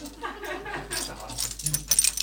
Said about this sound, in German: und klimpert mit ihrem Schlüsselbund.